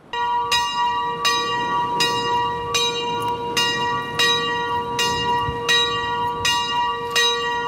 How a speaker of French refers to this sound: Une minute de silence, les cloches sonnent dans la vallée. 15h24, c'est l'heure où tout a basculé il y a un an, jour pour jour.